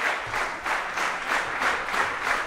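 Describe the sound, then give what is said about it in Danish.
An enthusiastic audience applauds at a Saturday afternoon concert in Fejø Kirke, a church, after five musicians play music by Amy Beach. The clapping is a dense, steady wash of many hands with a faintly pulsing rhythm and no speech over it. “Og et begejstret publikum, det må jeg sige.”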